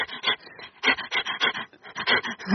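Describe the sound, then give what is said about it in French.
A dog pants rapidly and steadily, the quick breathy huffs forming an even, rhythmic pulse used as a rhythm track in a song recording, with no talking over it. “Il y a mon chien, oui, votre chien. Qui prête son allaitement et une boîte à rythme.”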